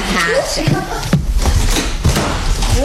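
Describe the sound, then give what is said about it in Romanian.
A door in a house slams shut with a sharp, heavy bang, followed by another dull thud, over a steady background of muffled activity and voices. “Pentru o casă civilizată, ușile se închid cu mâna.”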